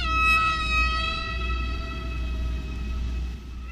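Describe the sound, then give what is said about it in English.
Recorded whale song: a long, sustained moaning call rich in overtones that sags slowly in pitch, held steadily over a constant low rumble and hiss, with no voices. “folded those whale songs into her own record.”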